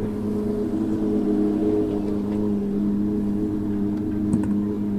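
A Porsche 991 Cup race car engine runs at a steady, deep idle at a rally special stage, its low droning hum holding constant for several seconds with no speech and only faint background noise.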